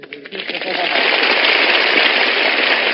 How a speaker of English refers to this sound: Oh, please, stop. Oh, please. Oh, thank you. Please, please, no applause, no applause. With all that applause that sets up a big wind, I'll catch a cold and wind up sounding like Tallulah Bankhead.